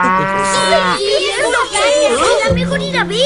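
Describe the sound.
A cow on a farm moos twice, long low drawn-out calls at the start and end, with lively children's voices chattering in between.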